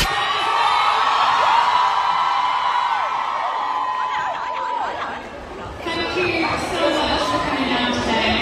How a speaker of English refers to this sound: Was it the cheering? I think people were confused what was going on because he was obviously exiting. Yeah. And some fans were just cheering for him.